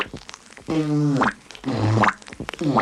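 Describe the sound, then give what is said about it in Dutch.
Lips sputter and buzz as air is blown through pursed lips with the tongue pushed forward between them, giving two long flapping raspberry sounds with a low wavering pitch, preceded by short puffs and followed by another brief sputter. “Voor de sputter blaast u lucht door getuite lippen om een zoemend geluid te krijgen.”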